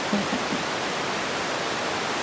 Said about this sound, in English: We're currently live over the sound bed of your bat detector.